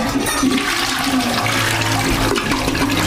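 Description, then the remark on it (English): A toilet flushes, a loud, steady rush of swirling water that carries on for a few seconds with no one speaking. “Think flushing wipes is harmless? Think again.”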